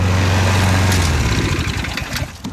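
A motorized push lawn mower runs steadily up close, its loud engine drone holding a low hum that roughens and shifts midway, with no talking.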